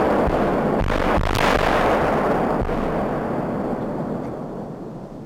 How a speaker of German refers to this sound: Doch zunächst ist weit über die Mellenthiner Heide hinaus jenes durchdringende Signal zu hören, das eine baldige, kontrollierte Bombendetonation ankündigt. 3, 2, 1, Zündung! Erst zeitversetzt kommt das laute Knallen.